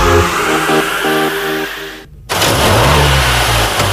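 A car engine revs hard, its pitch climbing in harmonic steps, cuts out briefly to near silence, then roars back and accelerates, loud throughout with no voices.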